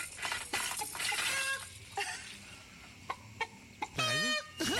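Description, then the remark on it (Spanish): A man imitates a rooster, making scattered clucking sounds and then a loud, wavering crow near the end, over a steady noisy background. “Parece que es real, no sé, para mí están buscando al gallo, están correteando al gallo.”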